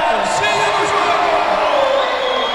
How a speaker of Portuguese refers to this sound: Entrou em quadra, hein, o Marcinho? E a torcida vai à loucura.